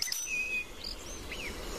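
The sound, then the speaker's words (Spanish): Thin, high whistled notes of a European robin's song drift in faintly, a few short sliding phrases over a steady low rumble of outdoor background noise. “Petirrojo europeo.”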